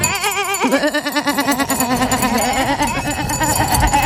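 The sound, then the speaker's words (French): Several sheep bleat in overlapping, wavering cries, a close and loud chorus of quavering calls that continues throughout with no talking. “Pardon, on s'échauffe. Le dimanche 14 juin, cap sur Sompitaillure pour la 10e édition de la fête du mouton.”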